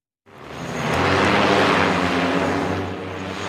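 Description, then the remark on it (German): An interceptor drone's motors spin up abruptly and it lifts off at an army site on the decommissioned Berlin-Tegel airport, meant to catch another drone with a net; a loud whirring buzz with a steady low propeller hum that swells quickly, then holds and eases slightly. “Eine Abfangdrohne steigt auf.”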